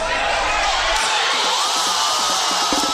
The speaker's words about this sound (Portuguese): Foi assim que a torcida comemorou já no segundo tempo o primeiro gol do Brasil, que até então perdia por 1-0 para o Japão.